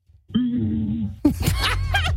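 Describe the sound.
A voice imitates how a T-Rex may have sounded, a deep, droning low sustained hum lasting about a second, then breaks into loud laughter from more than one person.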